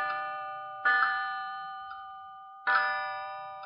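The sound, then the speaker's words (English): A wall clock chimes with bright, ringing tones that sustain and slowly fade, struck in two clusters with a soft extra note between them and a distinct hesitation between the second and third note, heard alone. “I couldn't bring it into sharp focus, but I knew that the number 3 was slightly chipped, and that when it chimed, there was distinct hesitation between the second and third note.”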